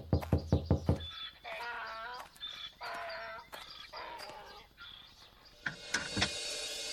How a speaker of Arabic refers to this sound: لحظة يا من تطرق الباب.